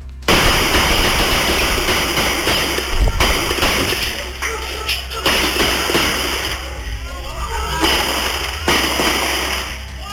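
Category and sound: impact, repeated gunshots fired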